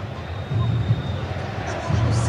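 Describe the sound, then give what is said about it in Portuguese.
A large stadium crowd roars and chants the name of the player Reinier, the low rumble of voices swelling in two strong bursts over a steady background of crowd noise. “Quem mais tá gritando ali?”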